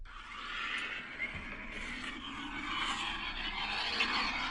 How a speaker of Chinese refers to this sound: 我听听这声，什么动静？ 飞机起飞般的声响， 不是飞机起飞，是飞机起飞那个吗？ 还是啸叫？